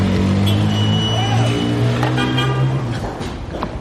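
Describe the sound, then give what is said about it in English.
Busy city traffic in Damascus, with car engines rumbling underneath and several sustained car horns honking over one another for a few seconds before easing slightly. “I was stuck in the traffic now.”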